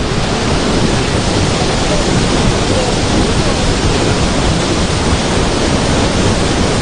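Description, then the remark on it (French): A loud, steady roar of a flooded river carrying a very large volume of water, dense and continuous like a torrent, filling the whole recording without pause, with no voices. “le volume d'eau est très important. Et effectivement, on va s'approcher parce qu'on entend un sacré vacarme.”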